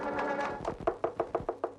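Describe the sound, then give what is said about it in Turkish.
A rapid, evenly spaced run of about eight knocks on a door, fairly loud, following a brief sustained tonal sound, with no voices. “Açın kapıyı!”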